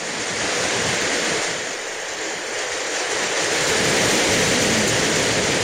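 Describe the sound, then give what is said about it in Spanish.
Torrential rain pours down in Huasco Bajo, falling since 5 in the morning, in a dense, unbroken roar that fills the whole stretch, loud with a steady hiss and low rumble and no voices. “Dice que está lloviendo torrencialmente desde las 5 de la mañana.”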